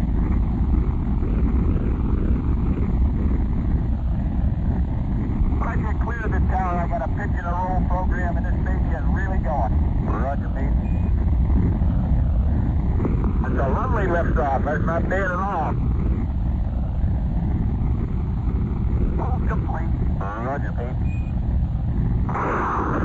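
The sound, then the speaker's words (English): Rocket engines roar at liftoff at 11:22 a.m. Eastern Standard Time in a steady, loud, deep rumble that fills the whole stretch without letting up, while voices speak intermittently over the noise. “10, 9, 8, ignition sequence start. 6, 5, 4, 3, 2, 1, 0. All engines running, commit. Liftoff.”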